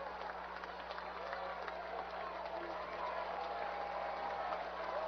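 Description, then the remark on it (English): A Saturday night baseball stadium crowd of over 6,000, on their feet as Omaha is down to its final strike, cheers in a steady, dense roar of voices and clapping that swells slightly louder toward the end, with a faint sustained tone drifting through the noise. “And the crowd will make some noise.”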